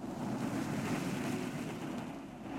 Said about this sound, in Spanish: El nativo hunde el remo en el agua, iniciando el viaje hacia las playas.